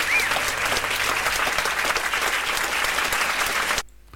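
A live audience claps steadily for a few seconds for a jazz trio, a dense crackle of many hands with a faint whistle early on, then the applause cuts off abruptly near the end.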